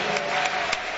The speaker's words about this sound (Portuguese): vamos receber este homem de Deus com alegria, bate palma e dá glória a Deus. Graças a Deus, mais alegre. Se você tem motivos para agradecer, aplauda ao Senhor.